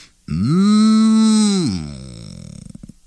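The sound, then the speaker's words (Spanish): A voice imitates a calf's drawn-out yawn: one loud, sustained low moan lasting over a second, then sliding down and trailing off into a breathy, fluttering exhale. “Todas, empezando por la vaca pinta y grande, ay, se morían de sueño y empezaban a bostezar. Bostezaban los becerritos.”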